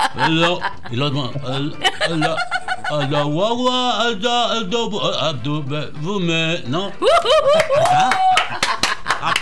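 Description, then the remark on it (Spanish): A voice sings and laughs, then scattered applause breaks out over the last couple of seconds, with sharp claps mixed under a rising sung note. “¡Aplausos!”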